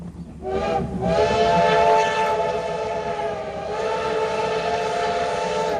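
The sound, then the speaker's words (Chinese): The black CT273 steam locomotive of Taiwan Railway sounds a long, loud whistle that holds steady for several seconds over the heavy rumble of the passing train, running through the Huadong Valley and rice fields in Taiwan on the midsummer Formosa Express (Bao Dao) trip. No one speaks. “黑色车头穿越了花东纵谷和稻田，蒸汽火车跟自然景色交织，也成了每年仲夏宝岛号出行的最大亮点。”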